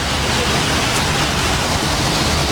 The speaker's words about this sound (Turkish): Meteorolojinin uyarı yaptığı Hatay'da da sağanak vardı. Sabah saatlerinden itibaren etkisini gösteren yağış, Dört Yol ve Payas ilçelerinde yolları ve caddeleri göle çevirdi.